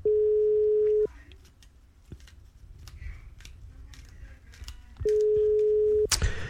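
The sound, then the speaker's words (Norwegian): Steady electronic ringback tone of an outgoing phone call to a contest participant, left unanswered after three rings, one-second bursts separated by a long pause with faint background noise and small clicks between them. “Ja, tre ringer nok, da gidder jeg ikke å vente lenger.”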